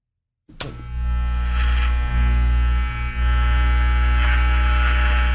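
Electric hair clippers switch on with a click and run in a steady, dense buzz with strong low hum and bright harmonics, dipping slightly in pitch now and then as they work.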